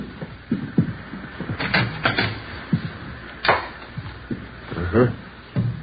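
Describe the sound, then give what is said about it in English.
A bedroom door is opened, with a few wooden clunks and rattles from the latch and hinges, amid shuffling movement and faint, indistinct voices. “Yeah, bedroom's over here through this door.”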